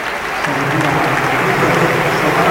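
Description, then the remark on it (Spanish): A large arena crowd at the Palacio applauds steadily during a basketball game against UCAM Murcia, encouraging an American player, a dense, sustained wash of clapping with a low murmur of voices underneath, holding at an even, fairly loud level throughout. “Los aplausos en el Palacio son para él, para darle ánimos al americano.”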